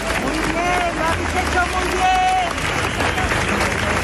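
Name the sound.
crowd applauding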